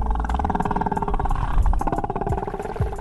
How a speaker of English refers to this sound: Alaskan ocean in perfect quiet, sit with my toes in the water and my eyes closed, and we would listen to the whales. And as she listened, the ocean transformed. The gulls and the motorboats faded, and the sounds that emerged felt almost otherworldly.